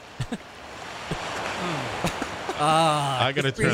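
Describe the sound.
A steady, hissing wash of ocean waves fills the background at moderate volume, and a person starts talking over it near the end.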